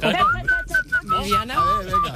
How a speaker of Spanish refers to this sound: ¿Sabes lo que se me da mejor? Se me da mejor silbar.